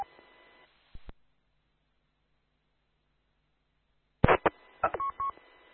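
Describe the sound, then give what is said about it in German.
Short electronic tone bursts over a hissy radio channel: a brief burst near the start, then after a long silence a cluster of sharp beeps, including a steady double roger beep showing a link via Wuppertal, ending the transmission. “Ich höre es am Rutscherpiep, zweimal piep.”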